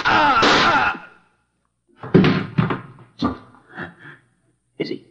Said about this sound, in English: No. I just shot him through the shoulder. The shock knocked him out.